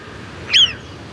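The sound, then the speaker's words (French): A marmot gives one sharp, high alarm whistle as it senses danger is near, brief and piercing with a slight downward slide, standing out clearly over a quiet outdoor background with no talking. “Là, elle sent que le danger est proche, car elle pousse son cri d'alarme. C'est un sifflement spécifique qu'on entend jusqu'à 1 kilomètre à la ronde.”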